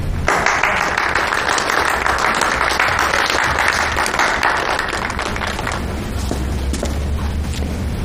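A group breaks into sustained applause to welcome a new brigade captain on his first day in office, a dense, steady patter of many hands clapping for about eight seconds, thinning slightly near the end. No one speaks over it.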